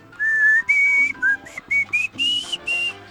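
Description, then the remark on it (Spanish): A short whistled melody from a band's song, about eight clear, bright notes in a bouncy rhythm, loud, with no one talking. “Ese es el silbidito.”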